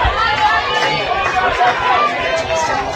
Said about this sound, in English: Cats fans shouting some encouragement out there.